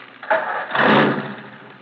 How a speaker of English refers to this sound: Now, start your engine.